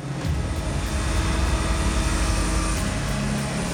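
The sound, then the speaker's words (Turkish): The 3.3-ton hinged nose door of a Super Galaxy cargo plane swings open with a steady, loud mechanical drone and faint whine. The sound is continuous throughout, with no voices, set against the rumble of the big aircraft. “Süper Galaxy'nin yeniliklerinden biri de sadece arkada bir kargo kapağı değil, burnunun da açılabiliyor olması. Ağırlığı ne kadar? Ağırlığı 3.3 ton. İşte açılıyor.”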